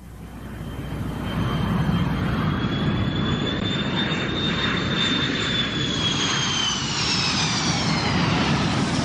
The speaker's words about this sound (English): But my impression here in Washington is that one hears the planes a great deal. I heard them last night in the concert. And I turned to my neighbor and said, "Didn't you think those planes were beautiful?"